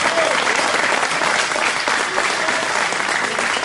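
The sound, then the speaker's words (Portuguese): A church audience claps steadily and loudly in praise of Jesus, a dense, continuous wash of many hands applauding without pause, with faint voices mixed into the ovation. “E eu quero ver quem é que tem as mãos ungidas aí para dar uma melhor salva de palmas para o nosso Senhor Jesus.”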